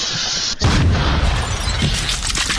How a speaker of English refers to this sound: Some kids couldn't wait till the 4th of July to blow up a porta potty. Everybody heard it happen.